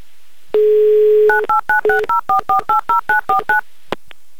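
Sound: telephone dialing tones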